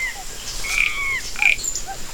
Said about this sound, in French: le coassement des grenouilles, des crapauds et des rainettes. C'est une forêt sauvage d'une grande beauté. C'est la jungle.